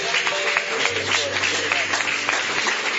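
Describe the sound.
A crowd claps hands steadily and loudly for the full three seconds, a dense wash of overlapping claps with a low sustained hum beneath it and faint voices mixed in.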